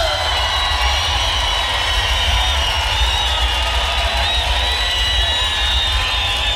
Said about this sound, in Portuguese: Vai com Deus, Mato Grosso. Cadê os aplausos?